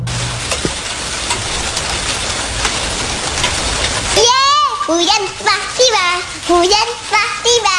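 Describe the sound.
Steady rain falls with a dense, even hiss; about halfway through, a child's high voice begins singing or chanting over the continuing downpour.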